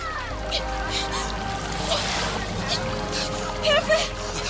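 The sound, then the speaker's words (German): Continuous turbulent splashing and sloshing of river water, steady, with a few sharper splashes near the end and faint voices in the background, as someone bathing in a river is caught in a dangerous current and is in danger of drowning. “Wina geriet durch spielerischen Übermut plötzlich in eine gefährliche Strömung und drohte zu ertrinken.”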